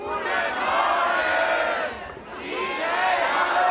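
The Bremienale festival audience at the Bremen 1 evening cheers and shouts a greeting in unison, loud, with a brief dip midway before the roar of many voices swells again.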